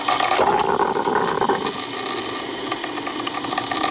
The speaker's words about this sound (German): Oh, der Sound der Kaffeemaschine. Also bei mir ist es wirklich so, das löst sofort absolute Glücksgefühle aus. Vor allem eben, wenn das so blubbert und man weiß, ja, gleich ist er fertig, der Kaffee.